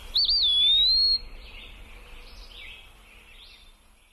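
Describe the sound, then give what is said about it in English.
A bird gives a clear, rising whistled pip call lasting about a second, fairly loud, followed by softer chirps against a quiet outdoor background. “give me a quick pip call when you arrive so I know it's really you.”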